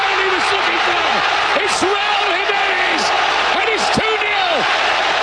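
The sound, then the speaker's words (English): A huge stadium crowd in Mexico City roars after a goal in the FIFA World Cup opening match, Mexico against South Africa. A dense, loud wall of cheering is threaded with rising and falling whoops and shouts that bend up and down over the steady din. “Oh, baby, that crowd is fired up in Mexico City.”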